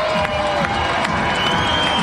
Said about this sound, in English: Crowd getting loud, a game that will be concluded with fireworks after.